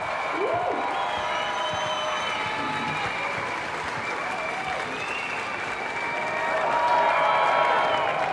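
An audience applauds steadily, a dense wash of clapping that holds at an even volume throughout and swells slightly toward the end, with faint crowd murmur mixed in.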